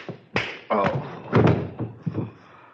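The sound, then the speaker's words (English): A scuffle of heavy thumps and knocks, several dull impacts in quick succession with the loudest in the middle, as a kneeling prisoner is knocked off the baseball bat he was made to kneel on and hits the floor. “You have knocked the poor fellow off the baseball bat.”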